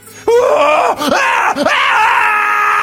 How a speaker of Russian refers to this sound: Жуткий крик сотрясает воздух.